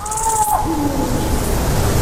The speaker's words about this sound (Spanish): yo creo que vamos a escuchar un sonido que es el sonido para mí más importante que se puede escuchar en la naturaleza en Europa, que es el maullido de celo del lince ibérico.